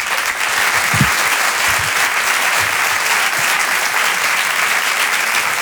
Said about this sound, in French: Je vous demande d'applaudir très fort, s'il vous plaît, Sébastien Marx.